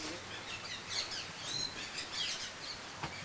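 Bright kea parrot calls chirp and screech repeatedly at moderate volume over a steady background hiss as the keas are given fresh snow from the penguin house, with no one talking.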